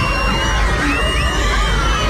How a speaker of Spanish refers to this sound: Estaban en un acto en el patio y la cámara no deja de grabar mientras todos caen al suelo. Todos los niños se sientan en el suelo y comienzan a gritar. Así se escuchaban.